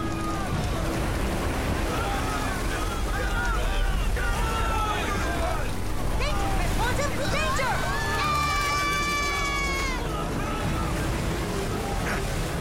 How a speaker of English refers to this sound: Losing control of the boat on these swells.